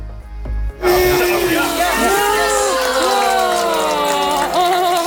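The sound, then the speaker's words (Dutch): A crowd of onlookers bursts into loud, sustained applause and cheering after a brief quiet moment, with many overlapping voices whooping over steady clapping for several seconds, as an escaped young penguin is caught in a landing net and taken out of the water at Roelof Arendsveen. “Applaus toen hij erin zat.”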